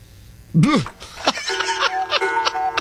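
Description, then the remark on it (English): A bell rings with a sustained metallic tone, like a boxing round bell, struck repeatedly over a couple of seconds while voices talk and react around it. “Of course, that bell sounds like the end of a 12 round bout.”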